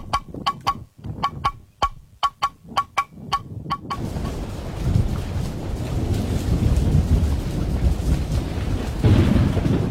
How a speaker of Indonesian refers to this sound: Seberapa hari ini hujan deras terus nih, takut ada banjir, bencana.